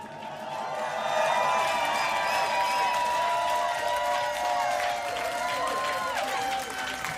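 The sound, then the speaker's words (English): A large crowd cheers and applauds for several seconds, a dense wash of clapping with high whoops and shouts rising over it, swelling after the first second and staying loud throughout. “Make some noise for yourself.”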